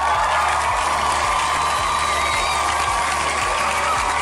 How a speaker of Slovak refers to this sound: Áno, potlesk pre vás.